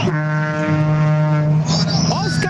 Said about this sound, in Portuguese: Os caminhoneiros buzinando aí, ó. Acordar cedo e trabalhar. Eu falo pra você, é um sucesso esse buzinaço aqui, ó.